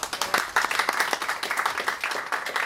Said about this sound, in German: Der Ö1 Rotwein 2026 ist der 2023 Burgenland Reserve Blaufränkisch vom Weingut Stubitz. Und erstmals der Ö1 Rosé 2026 ist der 2025 Niederösterreich Rosé Zweigel Cavallo vom Weingut Reitmeier. Einen Applaus für die Sieger.